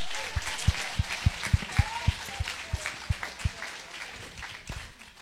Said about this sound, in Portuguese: Dá glória a Deus. Palmas para Jesus!